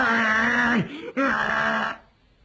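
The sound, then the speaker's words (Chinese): A man's voice imitates a bellowing ox roar: two loud, drawn-out, strained groaning cries separated by a brief pause, then a short quiet tail. “他就像牛吼一样，根本不认识。”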